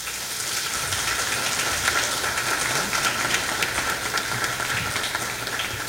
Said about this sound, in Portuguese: Um agradecimento muito especial ao nosso coral, para o qual peço uma salva de palmas, né?